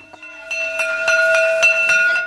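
A school bell rings steadily, its metallic tone sustained throughout while the clapper strikes in a quick, regular rhythm, fairly loud, with no voices.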